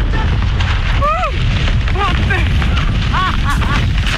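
A skydiver in free fall after jumping from an airplane at over 4000 metres, her first jump: loud, steady rushing wind roars without a break while a voice lets out several rising and falling shouts and whoops over it.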